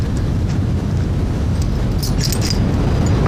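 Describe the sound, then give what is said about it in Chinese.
A brief metallic jangle of stolen keys rattles for a moment partway through, over a steady low rumble of background noise, with no one speaking. “对， 我只能不注意把钥匙偷回来了。”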